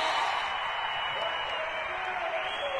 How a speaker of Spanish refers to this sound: ¡Un aplauso grande!